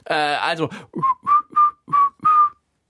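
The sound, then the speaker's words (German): A person whistles five short, clear notes in a quick, evenly spaced phrase, fairly loud. A brief voiced sound comes just before the whistling. “Also, die Antwort lautet, und ich glaube, jetzt machen wir es nicht gepfiffen, okay, oder?”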